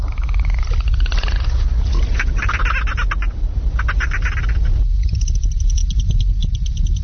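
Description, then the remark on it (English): Dolphin whistles and buzzing click trains come in several squeaky bursts over a constant low rumble, with no one talking. “One whistle if you're okay. Two whistles if you're experiencing difficulty.”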